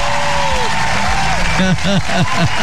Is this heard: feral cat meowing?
no